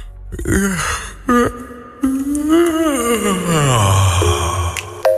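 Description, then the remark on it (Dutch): A few short voiced breaths, then a long, drawn-out vocal yawn whose pitch slides steadily downward into a low groan before trailing off, ending with a brief exhale. “Dus laten we even een nationaal gaapmomentje doen, want die ga je nog heel veel krijgen vandaag.”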